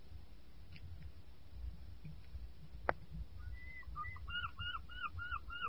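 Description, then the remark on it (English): A series of short, repeated bird calls by the sea on the south coast in August rises over a low background rumble, starting faintly and growing steadier in a quick rhythm toward the end, with a single sharp click midway. “More birds this year.”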